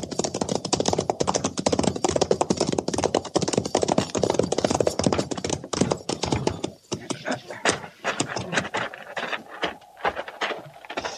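A rattlesnake about to strike gives a dry, buzzing rattle that sounds loudly and continuously for several seconds, then breaks into sparser, irregular clicks and taps before fading out.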